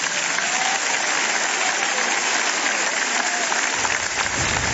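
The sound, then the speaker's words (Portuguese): A large audience claps for Jesus steadily in a dense, continuous wash of applause, loud and sustained throughout with no pauses, some faint voices mixed into the crowd noise. “Vamos dar mais uma salva de palmas para Jesus aí?”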